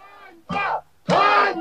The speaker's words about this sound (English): Protesters here are shouting the word Einbar, which means shame.